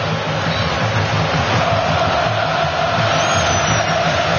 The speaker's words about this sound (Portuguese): O Haiti vai trabalhando a bola, a torcida brasileira vai subindo o volume.